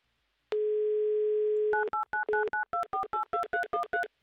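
A steady telephone dial tone hums for about a second, then a quick run of about a dozen touch-tone dialing beeps follows in an even, clipped rhythm, close and clear, with no voices.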